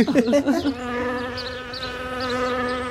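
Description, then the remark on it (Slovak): A steady, droning buzz like a flying fly holds for a few seconds after a brief vocal start, fairly loud, most likely a voice imitating the insect while playfully feeding a child. “Pozor, letí mucha.”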